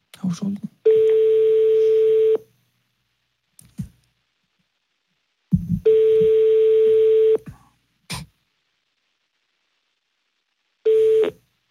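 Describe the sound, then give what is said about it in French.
A phone number is dialed and the line rings out over a handset: long, steady ring tones repeat with pauses of several seconds between them, broken up by a few short clicks and faint muffled noises. “Bah, on compose le numéro et on voit ce qui se passe.”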